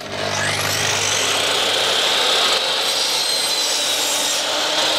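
A power saw whines up to speed and cuts steadily through scrap wood for several seconds, a loud, continuous buzzing grind with no voices, at the Klimawerkstatt in Bremen's Neustadt, where wooden boxes for worm composting are built.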